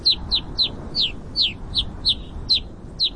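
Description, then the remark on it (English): Rosy finch calls: a rapid series of about ten short, high, buzzy chirps repeating at a steady quick rhythm, clear over a low rumbling background of wind-like noise. “For both brown-capped and black rosy finches, frigid, barren peaks are home sweet home.”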